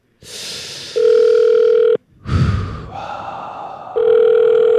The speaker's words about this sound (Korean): 전화가 오고 있습니다.